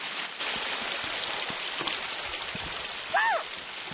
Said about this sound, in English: Wow, it's a little stream of water. What a pretty sound. Yeah, that sounds very relaxing.